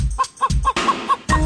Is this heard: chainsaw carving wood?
no